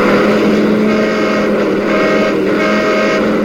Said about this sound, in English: Yeah, we had to practice dodging traffic.